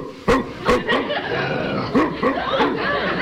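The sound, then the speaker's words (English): A person imitates a dog with a series of short, sharp barks, several quick yaps spaced irregularly over a few seconds with light laughter-like sounds between them. “Well, what kind of a dog? Well, do? I do small dogs. Big dogs.”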